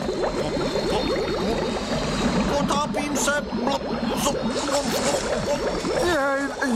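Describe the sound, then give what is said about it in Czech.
Water bubbles and splashes continuously as it heats up and begins to boil away, a dense churning sound that stays steady and fairly loud throughout, with voices sounding over it and a few rising vocal tones near the end. “Dobře, podívej, voda kolem už začíná bublat, no, za chvilku se všechno vypaří, vydrž.”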